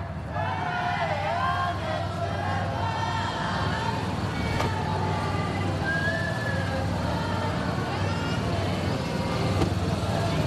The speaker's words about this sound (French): Et voilà, la voiture, commence à avancer. Mais pas les motards.